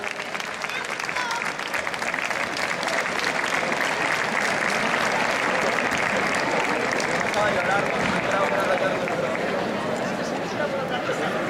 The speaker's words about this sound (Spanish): Un aplauso para todos ellos, por favor.